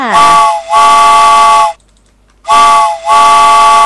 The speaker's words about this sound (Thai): พร้อมแล้วหรือยังถ้าพร้อมแล้วรถไฟมาค่ะ